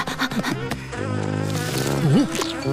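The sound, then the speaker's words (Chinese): Flies buzz steadily for a few seconds, a droning hum whose pitch wavers and swoops as they dart about, with no voices over it. “我当然知道那是苍蝇，我只是要测验一下你们知不知道区别。”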